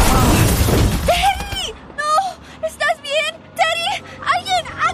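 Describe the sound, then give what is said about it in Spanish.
A loud, crunching crash with shattering debris as a car strikes a young cyclist, fading within about a second, followed by pained, wavering cries and voices. “¿Este joven fue atropellado por un auto?”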